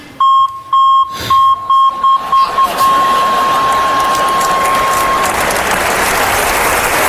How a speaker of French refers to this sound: Je pourrais jamais les oublier, c'est le même bip que le bip de recul sur ma voiture.